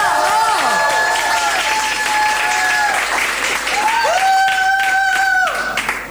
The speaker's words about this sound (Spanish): ¡Un aplauso inmenso para la señorita Flor Peña!